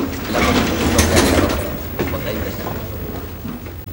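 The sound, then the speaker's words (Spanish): A sliding door in a hospital glides open with a steady mechanical rumble and whoosh, a few clattering clicks near the start, the motor hum continuing evenly for several seconds. “Una puerta corredera se abre ante ella.”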